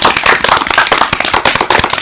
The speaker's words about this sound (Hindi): जोरदार तालियां हो जाए।